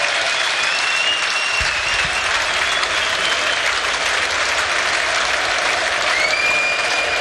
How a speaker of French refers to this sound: où un nouveau changement va être opéré, et celui-là, et écoutez les acclamations, je vous les laisse, elles sont pour Hans Van Aken, écoutez.